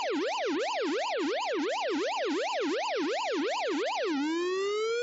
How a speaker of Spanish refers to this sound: No, me parece la alarma sísmica, güey. Nos vamos a espantar a la gente.